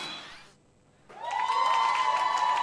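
A brief lull, then loud audience applause swells up and holds steady, with cheering voices and whistles riding over the clapping.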